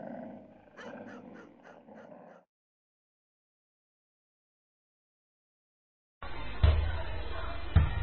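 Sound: dogs growling and barking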